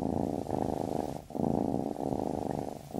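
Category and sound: animal, cat purring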